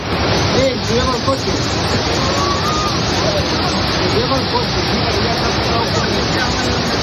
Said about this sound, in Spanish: El sonido de la localidad de Manzanedo de Valdueza, cerca de Ponferrada, donde las fuertes corrientes de agua que han asolado las calles del pueblo arrastraban incluso vehículos.